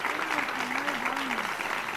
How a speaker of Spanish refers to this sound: Un fuerte aplauso para esta gente que tanto trabaja por los demás.